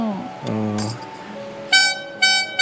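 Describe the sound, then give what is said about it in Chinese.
Two bright, buzzy honks from a small toy horn, one of a pile of toys used as musical instruments, the first longer and the second a quick toot, following a brief stretch of talking at the start. “这边一堆玩具，像小喇叭。”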